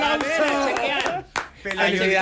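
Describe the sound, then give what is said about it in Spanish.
A handful of sharp, irregular hand claps ring out over loud, excited voices, applauding Pelayo Díaz dropping below a million followers, with a brief lull in the middle before the talking and clapping pick up again. “¡Un aplauso!”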